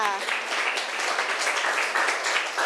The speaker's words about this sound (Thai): แสดงว่าเราได้ผู้ชนะแล้วกลุ่มใดได้คะแนนมากที่สุดกลุ่มที่3นั่นเองปรบมือให้เพื่อนหน่อยค่ะ